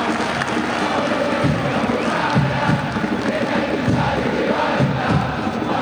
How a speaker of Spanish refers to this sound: Escuchen el aplauso.